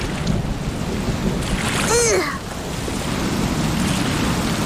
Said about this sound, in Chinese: 这里的海浪可真酷啊！ 这里的海浪可真大，我们回岸上去吧。